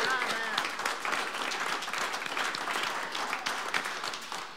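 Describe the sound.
An audience breaks into steady applause, a dense wash of many hands clapping at an even, fairly loud level, with a few voices mixed in.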